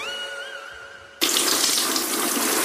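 A faint steady tone hums for about a second, then a bathroom tap suddenly gushes on, its loud, even hiss of running water continuing without pause to the end, as water is poured over a Triano BG cabinet in the bathroom.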